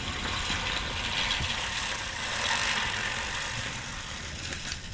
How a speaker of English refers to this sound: You get a workout when you're wearing this thing, definitely. The human-powered lawnmower.